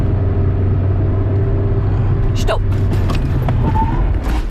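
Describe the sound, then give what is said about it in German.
A car makes an emergency stop during a driving practice session, heard from inside, with the driver pressing the brake pedal fully with their whole weight: a steady, loud engine and road rumble, a brief sharp squeal and jolt midway, then faint squeaks as it settles. “Wenn man eine Vollbremsung machen will, dann muss man eben voll reinstehen in die Bremse.”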